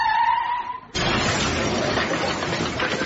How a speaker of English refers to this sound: You fool! The car crashed into it!